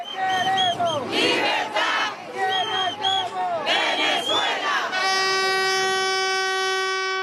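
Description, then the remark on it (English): A loud street protest crowd in Venezuela chants and shouts in rising, falling bursts with shrill whistle-like cries, then a long steady horn blast sounds over the crowd for the last couple of seconds. “Over the past few months, there's been an explosion of protests in Venezuela.”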